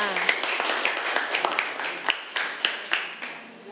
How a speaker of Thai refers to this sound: ขอเสียงปรบมือให้กับตัวแทนนี้ด้วยค่ะ